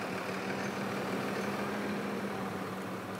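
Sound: tractor engine idling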